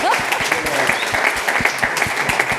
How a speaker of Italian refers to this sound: Facciamo un applauso! Grazie!